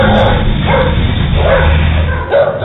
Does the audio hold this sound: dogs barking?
yes